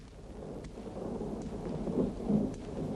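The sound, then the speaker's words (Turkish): Low rumbling thunder rolls continuously beneath a steady wash of rain, swelling louder toward the end with a deep boom. No voices are present. “Yağmur yağacak.”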